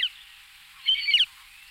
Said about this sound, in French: Et bien celui-là, c'est le busard des roseaux qui est plus spécialisé dans les oiseaux d'eau. Donc il chasse au bord de l'eau, il met la panique dans les vols de canards ou de limicoles qui peuvent traîner au bord de l'eau.